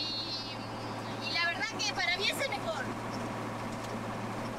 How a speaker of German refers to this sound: Die Passagiere hinten auf der Ladefläche werden ganz schön durchgeschüttelt. Vorne ist es wesentlich gemütlicher. Der LKW fährt sich leicht und ist bequem.